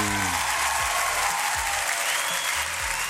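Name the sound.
applause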